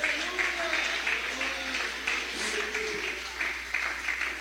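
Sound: audience clapping hands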